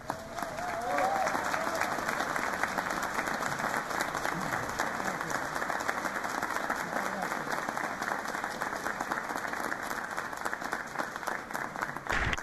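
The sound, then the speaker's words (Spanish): A large audience applauds the choir Las Voces de Calamuchita, steady clapping for the whole stretch, a dense, loud wash of clapping with faint voices mixed in underneath. “Un aplauso muy grande y mi agradecimiento a todos sus miembros, al coro Las Voces de Calamuchita.”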